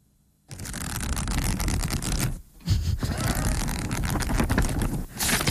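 Pages of a book being turned and riffled while reading, a dense papery fluttering rustle in two long bursts separated by a brief pause, fairly loud with no voices.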